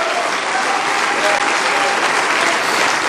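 An audience applauds the Lord during a church service, a dense, loud wash of clapping hands that holds at an even level for about three seconds with no pauses.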